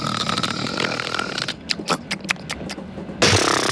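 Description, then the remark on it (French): A voice mimics loud, raspy snoring: a long rough, buzzing drone, then a string of short sharp snorts and clicks, ending in another harsh burst; imitating a man asleep on a train. “il s'endormirait dans le train parce que les messieurs, souvent, ils s'endorment dans le train et ils ronflent comme pas possible.”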